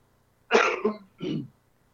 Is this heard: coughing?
yes